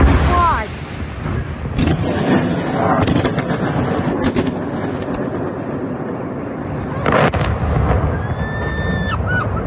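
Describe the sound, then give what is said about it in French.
Several heavy missile-strike explosions in Kyiv, Ukraine, filmed by a resident from her home, go off at irregular intervals, each a sharp, loud boom standing out from a constant low rumble, with a thin whistling tone rising near the end. “Vous entendiez ces explosions.”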